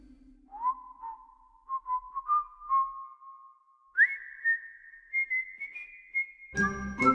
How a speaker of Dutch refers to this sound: En hij kan nog fluiten ook.